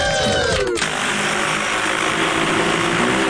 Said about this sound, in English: That is a drone